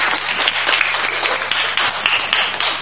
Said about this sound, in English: So a round of applause for everyone.